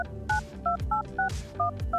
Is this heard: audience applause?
no